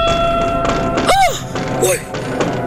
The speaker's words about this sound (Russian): Но только что успел он это сделать, как оба глаза его вместе с глазами мельника и всех присутствующих устремились в одно мгновение на уличное окно. В окне послышался стук.